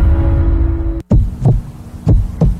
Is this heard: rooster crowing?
no